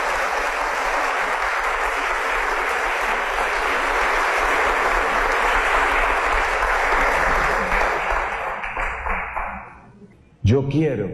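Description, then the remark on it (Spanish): A crowd applauds the victory of Jesus Christ at a priest's call, a loud, steady, dense wash of clapping that holds for about eight seconds, then thins and fades out just before a new sound starts at the very end. “Y esa victoria de Jesucristo, a mí me parece que es así que merece un aplauso.”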